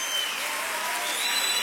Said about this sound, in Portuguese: Aplauda o Senhor.